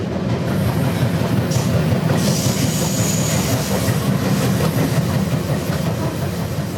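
The Rocky Mountaineer passenger train rumbles steadily along the tracks, a dense low roar with a faint rhythmic clatter of wheels and a thin high hiss rising briefly in the middle; no voices.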